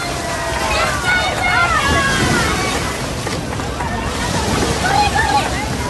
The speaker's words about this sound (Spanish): Pues casi donde rompía las olas, por ahí pasaba la imagen de la Virgen del Carmen, sonido que escuchamos de fondo de lo vivido anoche en esa procesión marítima en La Caleta, en Salobreña.